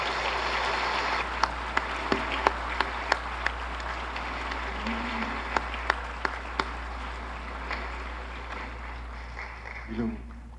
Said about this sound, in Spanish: Le damos fuertes aplausos de bienvenida, Monseñor.